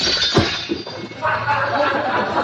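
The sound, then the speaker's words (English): A hammer strikes and breaks a car headlight lens: one sharp, loud crack of shattering glass, followed by a softer, scattered tinkling and rattle of broken pieces. “Bust the headlight lens.”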